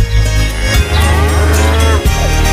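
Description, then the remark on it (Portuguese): A loud old ox moo on a farm, with a deep, harmonic-rich drone, rising and sustained with two brief breaks before trailing off. No speech. “Sai pra lá, boi velho, se aquieta.”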